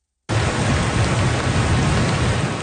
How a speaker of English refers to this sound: the worst of the storm appears over, but the threat of more torrential rain remains.